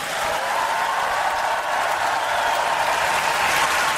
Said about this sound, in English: After being greeted with a long applause, Petr Pavel said